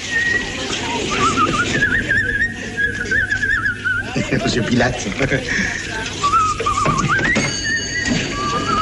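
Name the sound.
person whistling a tune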